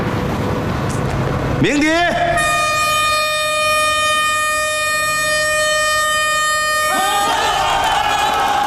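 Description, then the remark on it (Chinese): The horn of locomotive number 008 sounds in celebration, rising and blaring in one long, loud, steady blast for about five seconds, then cutting off, with background murmur around it. “要不要鸣笛庆祝一下？”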